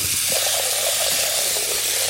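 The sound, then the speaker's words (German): Tap water pours steadily into a pot in a kitchen, a continuous rushing hiss with a hollow, resonant undertone that stays even for the whole stretch, with no voices. “Wassermarsch.”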